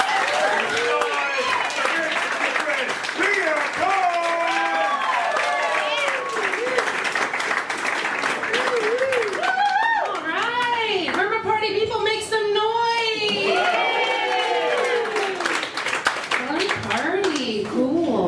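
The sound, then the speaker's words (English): A large comedy-show audience claps on a comedian's cue, continuously for the full length, with many excited voices shouting and whooping over the dense, steady applause; loud throughout. “With me going right now, start clapping.”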